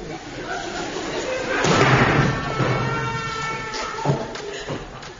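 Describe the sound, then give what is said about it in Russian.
Heavy thuds and a loud crashing burst as a door is forced open, followed by a few scattered knocks, with people talking over the commotion. “Как мы станем ее выламывать?”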